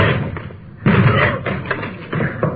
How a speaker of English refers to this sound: Door's locked. Let's hit it.